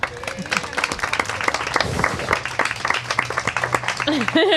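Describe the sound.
An audience claps steadily in a dense, continuous burst of applause lasting a few seconds, applauding a person being thanked, with some voices and a cheer rising underneath near the end.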